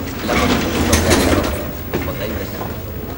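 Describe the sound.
An automatic sliding door in a hospital corridor glides open with a steady mechanical whoosh and a couple of soft clunks, set against a continuous indoor hum and faint background voices.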